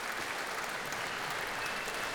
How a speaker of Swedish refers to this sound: Ja, det applåderas för fullt här. Ja, och ensemblen får ta emot mycket varmt bifall här. Så ja, är det. Det bugas och blommor och applåder som det ska vara.